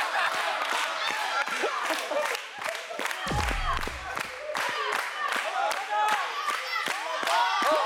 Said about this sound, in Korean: 셋, 둘, 하나, 번화를 돌려주세요. 와, 박수치기. 박수치기.